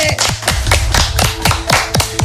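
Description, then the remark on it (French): A crowd applauds a guest being introduced as the representative of the show J'ai la ref, with steady, dense clapping at a constant loud level throughout and no voices over it. “Veuillez applaudir”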